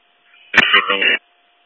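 A brief, harsh burst of radio static crackles loudly for well under a second, then cuts off sharply, leaving a faint steady hum in the background.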